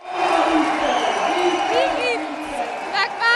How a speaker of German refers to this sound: Es ist eine zweite Siegerehrung daheim. Ja, also ich muss sagen, das ist vom Applaus und von den Leuten her noch viel gigantischer, als ich das in Sydney erlebt habe.